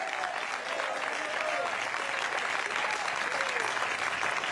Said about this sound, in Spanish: Denle un fuerte aplauso al Señor si está alegre.